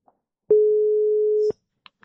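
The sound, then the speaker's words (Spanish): A single steady tone of an outgoing phone call ringing on the line, lasting about a second, clear, with a few faint clicks before and after. “A ver se nos colle, porque unha persoa que por veces lle gusta coller o teléfono, eh?”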